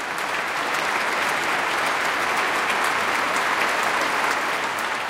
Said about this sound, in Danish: Flot udgave af Saint-Saëns klaverkoncert. Og der er også spontane bravo-råb, kan jeg høre, fra publikum i Minneapolis.